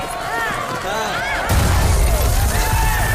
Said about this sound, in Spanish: Tal como acaban de escuchar, una pequeña bomba explotaba al paso de la comitiva por la avenida Apple.